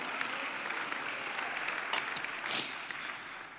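A church audience applauds the Lord steadily, a dense wash of many hands clapping together at moderate volume, with a brief swell near the end and no talking over it.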